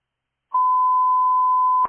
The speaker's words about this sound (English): Station 13, test tones complete, 1006.